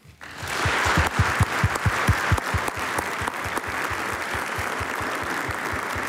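An audience breaks into sustained applause, many hands clapping densely and steadily for several seconds, loud and close, with rhythmic claps standing out near the front.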